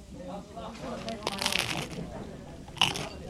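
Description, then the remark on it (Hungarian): A stovetop moka pot gurgles and sputters, giving off a steady crackly hiss broken by sharper bubbling pops, one burst midway and a louder spit near the end. “Ilyen hangot ad ki a kotyogos kávéfőző.”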